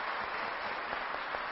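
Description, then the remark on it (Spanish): An audience at a Mass applauds children, many hands producing a dense, continuous patter of applause at a moderate, even level with no voices over it. “Un aplauso para estos niños.”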